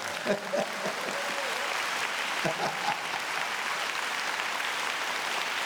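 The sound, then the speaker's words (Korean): Steady applause from an audience fills the whole stretch, dense and continuous at a moderate level, with a few louder voice-like bursts and shouts poking through near the start. “이럴 때 박수 쳐버려.”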